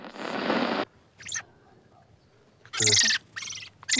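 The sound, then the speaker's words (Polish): Small songbirds (song thrushes, redpolls, blackbirds and redwings) give short, bright chirping calls in scattered bursts, fairly loud, after an opening stretch of harsh, rushing noise. “Śpiewaki, czeczotki, kosy czy droździki.”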